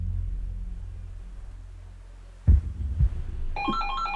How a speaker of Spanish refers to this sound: No, bueno, a mí lo que no me ayuda a relajarme es el sonido del teléfono.